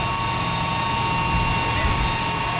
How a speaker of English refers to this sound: A fire engine sprays mist over a crowd in Prague's Old Town Square.